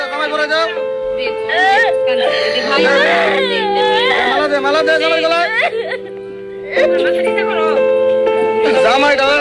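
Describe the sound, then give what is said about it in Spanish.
A young girl screams and cries loudly in long, high-pitched wails that waver and break into sobs, easing briefly before rising again into continued anguished crying. “No entendemos el idioma, pero escuchen los gritos, escuchen.”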